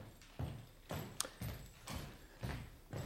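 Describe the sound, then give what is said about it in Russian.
Steady, evenly paced footsteps of Ryleev and the speaker's brother Alexander arriving thud on a hard floor, about two steps per second, clear, with no voices over them. “Узнаю шаги.”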